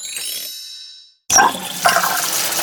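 A metallic clank rings out and slowly fades, then after a brief silence water gushes loudly and steadily from a water tap being repaired.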